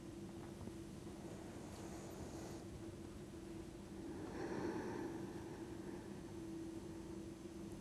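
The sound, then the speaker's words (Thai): A deep breath drawn in through the nose as the arms are spread and raised in a breathing exercise, then a long, slow exhale as the arms are lowered. The breathing is fairly soft, over a steady low hum, with no talking. “ต่อไปเป็นการกางแขนนะคะกางแขนขึ้นหายใจเข้าทางจมูกลึกๆแขนลงหายใจออกยาวๆ1ค่ะ”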